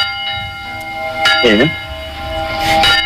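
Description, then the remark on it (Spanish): Church bells striking the hour in Granja de la Costera, a village of 300 inhabitants in Valencia, Spain, ring out with a loud, sustained metallic hum that lingers throughout, while people talk over the resonant tolling. “Granja de la Costera, un pueblo de Valencia de 300 habitantes, vota hoy para recuperar el sonido por la noche de las campanas que dan la hora y que dejaron de hacerlo por la denuncia de un vecino.”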